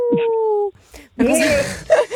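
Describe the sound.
A person briefly mimics a wolf howl as a good-luck wish, one short, steady, sustained vocal tone, quickly followed by voices talking over each other.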